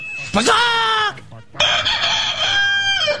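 A rooster crows loudly in two drawn-out, strained calls separated by a short pause, the second call longer and wavering before it trails off.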